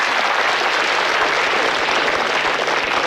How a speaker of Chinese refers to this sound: 那个，我知道朋友们热情的掌声啊， 对， 主要是欢迎我呢。